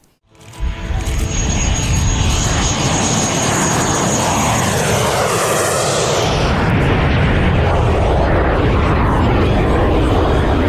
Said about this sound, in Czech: Nad Chebem bylo pořádně rušno. Oblohu ovládly burácející motory, akrobatické manévry i legendární stroje, které se jen tak nevidí.